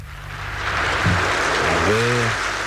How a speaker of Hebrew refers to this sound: והמון מוחא כפיים. כולם על רגליהם, המחאים כפיים, קואליציה, אופוזיציה, איזו היסטוריה, איזו היסטוריה.